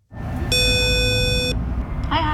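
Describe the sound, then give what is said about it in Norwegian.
A single steady electronic buzz of a door intercom rings for about a second over low street rumble, followed by a brief higher chirp near the end. Someone rings at the door of Norges Musikkorpsforbund, the Norwegian band association. “Vi pushet hun ned til Norges Musikkorpsforbund, og der ringte hun på.”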